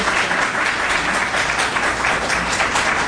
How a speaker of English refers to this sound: One more time, a round of applause for this panel. Thank you all.